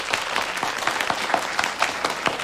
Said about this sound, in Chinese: 我给大家介绍一下，省厅经侦总队的楚处长楚东阳同志受省厅委派到咱们局挂职锻炼，兼任咱们经侦支队的政委，大家鼓掌欢迎。